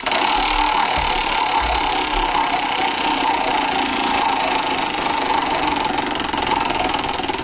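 A prize wheel is spun to choose a person at random, with a rapid, continuous ratcheting clatter, a dense mechanical rattle that stays loud and steady for several seconds, with no voices.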